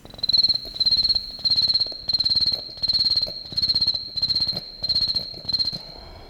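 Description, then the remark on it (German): A human voice beatboxes an imitation of autumn cicadas, made only with mouth, nose and throat by a European beatbox champion: a steady high-pitched buzzing chirp in eight even pulses, fairly loud, with a low rhythmic undertone and no speech. “Keine Tonaufnahme aus der Natur, sondern erzeugt per Beatboxen von …, dem Europameister im Beatboxen.”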